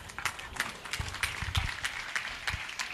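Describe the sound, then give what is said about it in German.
An audience gives a hearty round of applause with get-well wishes for a girl, the claps falling into a steady, roughly even rhythm of sharp bright bursts over a continuous wash of lighter clapping, with no voices standing out. “Nochmal einen kräftigen Applaus und alles Gute.”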